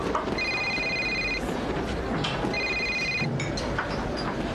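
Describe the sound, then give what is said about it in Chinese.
A telephone rings twice in bright electronic bursts, each about a second long with a short pause between, heard over a steady background of busy ambient noise. “我接个电话啊。”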